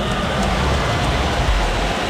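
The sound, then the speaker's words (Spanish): Steady rain pours down at the stadium in Philadelphia during the England vs Panama World Cup match, a dense, continuous hiss at an even, fairly loud level throughout, with no voices and no distinct individual drops standing out. “Está lloviendo, nuestro sonido en el estadio.”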